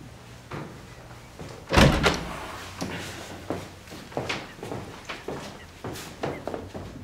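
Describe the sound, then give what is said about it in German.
A door swings shut with a solid thud early on, followed by a series of lighter knocks and clatters, with no one speaking. “Wenn ich die Tür zumache, dann ist das keine Aufforderung zum Horchen.”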